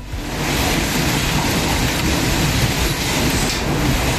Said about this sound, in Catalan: I clar, les tempestes també han passat per la Cerdanya. Escolteu com queia la pedra i com rebotava.